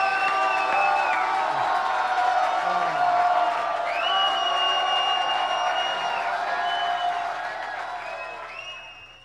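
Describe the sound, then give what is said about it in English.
A crowd cheers and whoops loudly and steadily after a sing-along on the Uncle Bob and his mate show, with high rising shouts and whistles piercing the dense roar, which eases slightly toward the end. “I think the crowd liked him.”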